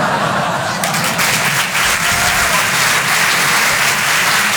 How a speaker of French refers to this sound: Voilà, n'applaudissez pas sur ça. On est à Paris, je sais. Non. À Paris, les gens, ils applaudissent plus sur ça.